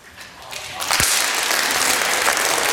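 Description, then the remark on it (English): A crowd of people clapping their hands, starting as scattered claps and swelling quickly into loud, dense applause that holds steady to the end. “Clap your hands.”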